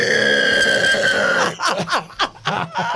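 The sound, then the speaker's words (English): A person imitates a pig squeal with a quick run of about five short, pitch-sliding squeals and grunty bursts, following a steady, buzzing, tonal hum in the first half. “Do a pig squeal.”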